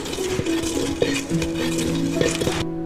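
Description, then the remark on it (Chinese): Steady, gritty scraping of a wooden pestle grinding tea leaves to a powder in a ridged ceramic bowl held on the lap while seated, to make leicha (pounded tea) porridge, with occasional ringing knocks, continuous until it stops abruptly near the end. No voices. “对，直接把茶叶放在这里面， 把它擂碎。”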